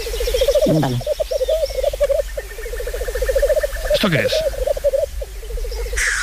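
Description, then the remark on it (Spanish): A black grouse display call: a steady, rolling, bubbling coo that carries on without a break. A short spoken question briefly cuts across it near the start and again partway through. “Un gallo lira.”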